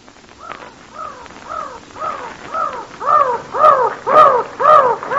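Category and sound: bird, mountain crows cawing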